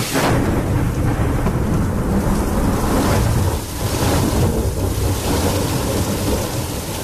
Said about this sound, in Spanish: ¿Puedo pasar? Afuera está lloviendo.